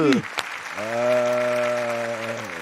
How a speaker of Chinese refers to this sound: 承蒙诸位掌声，不胜感激呀、啊！